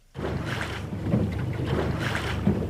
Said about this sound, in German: Lautlos gleitet der Katamaran über das Wasser. Das Boot mit den zwei Rümpfen ist etwas ganz Besonderes.